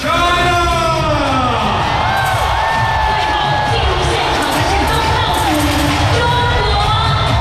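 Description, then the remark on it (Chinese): A large stadium crowd at the opening ceremony of the 48th WorldSkills Competition cheers and applauds as delegations from 68 countries and regions enter, with host China's delegation last. A loud, unbroken roar of many voices shouting and whooping sounds over a dense wash of clapping that stays steady from start to finish. “第48届世界技能大赛昨晚正式开幕，在全场观众热烈的掌声当中，68个国家和地区的代表团相继入场，东道主中国代表团最后入场，全场一片欢腾。”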